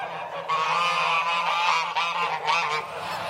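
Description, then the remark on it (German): A flock of geese and ganders, confined for more than three months, honks loudly and continuously, overlapping nasal calls forming a steady, harsh chorus with no speech. “Seit mehr als 3 Monaten sind die Ganter und Gänse jetzt schon eingesperrt.”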